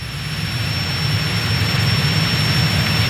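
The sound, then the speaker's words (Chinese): A steady, loud engine of an aircraft invented by Guangtouqiang, which attacks moving objects it sees, drones throughout, a continuous low roar with a broad hiss on top, unbroken, with no voices. “果然如此，飞机只攻击他看到的移动物体，我们伪装起来就可以了。”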